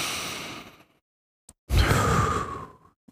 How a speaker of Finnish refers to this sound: Näin ihanan kappaleen jälkeen ei ole huono idea ottaa semmoinen yksi pieni sisäänhengitys tähän näin. Vähän niin kuin rukouksenomaisesti kiittää tuosta kappaleesta, että Jumala on meidän kanssa. Eli otetaan yhdessä sisään ja ulos hengitys.